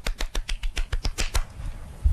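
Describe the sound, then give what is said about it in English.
A quick burst of hand clapping made live by one person's hands as a mock round of applause: roughly a dozen sharp, evenly spaced claps over about a second and a half, then trailing off into quiet. No one speaks. “That's the only sound effect. I love live sound effects. It was just my hands.”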